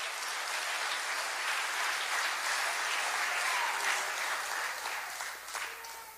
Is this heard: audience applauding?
yes